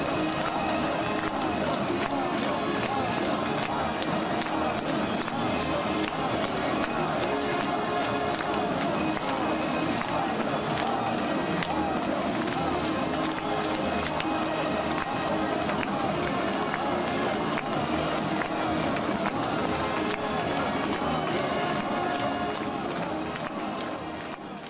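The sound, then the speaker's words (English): A large audience and performers at the Pingyang Gymnasium applaud and cheer enthusiastically in welcome as Xi Jinping, Peng Liyuan, Kim Jong-un and Ri Suzhou ascend the rostrum in the evening, a dense, steady roar of clapping and voices that holds loud before easing slightly at the very end. “The audience and performers expressed their warm welcome and admiration with enthusiastic applause and cheers.”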